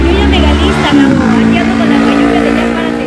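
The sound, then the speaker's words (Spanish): A motorcycle engine runs loud on the street outside Radiópolis on Tlalpan, its steady drone dipping and rising in pitch about a second in, then droning on with traffic noise. “Sí, no, y una moto, ¿no? Se oye más la moto, sí.”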